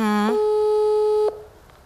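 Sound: phone call ringing tone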